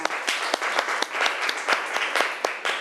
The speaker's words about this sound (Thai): ขอเสียงปรบมือให้ตัวแทนจากกลุ่มที่3ค่ะ